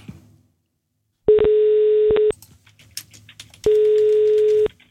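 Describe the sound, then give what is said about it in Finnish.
Two steady ringback tones of an outgoing phone call to a listener who is getting concert tickets for Friday, each lasting about a second, separated by a pause with faint background clatter. No one speaks. “nyt on aika soittaa yhdelle, joka saa liput perjantaille luonnollisesti itselleen ja kaverilleen.”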